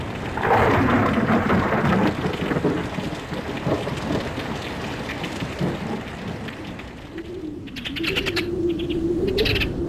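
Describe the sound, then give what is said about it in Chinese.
Rolling thunder rumbles outside a palace hall over a steady downpour of heavy rain, the storm sound continuous and fairly loud throughout, with no voices. “殿外响起了雷声，一场大雨很快就下来了。”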